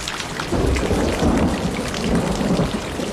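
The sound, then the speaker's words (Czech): Heavy rain drums steadily on the remains of a roof during a thunderstorm, with deep thunder rumbling underneath. The downpour is loud and continuous for the whole stretch, and no one speaks. “Ostatní se k němu přidali a jak tak leželi a snili o vůni deště a jak kapky bubnovaly do zbytků střechy a všude bylo měkoučko, za chvíli usnuli.”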